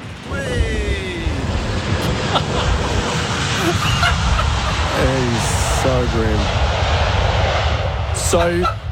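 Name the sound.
airplane landing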